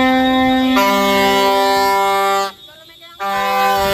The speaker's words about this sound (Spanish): Así, decenas de ambulancias circularon por los alrededores de las sedes con altavoces y con pitos pidiendo una actualización de las tablas salariales en un nuevo convenio porque actualmente lo que cobran es el SMI.